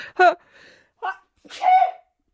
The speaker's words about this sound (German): Und wenn ich manchmal so schniefe, dann liegt es einfach daran, dass ich gerade erkältet bin.